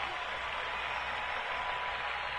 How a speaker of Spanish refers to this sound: Para el maestro, los aplausos. Fuerte ese aplauso. Fuerte ese aplauso.